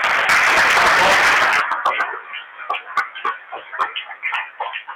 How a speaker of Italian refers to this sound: Dobbiamo fare un applauso qua.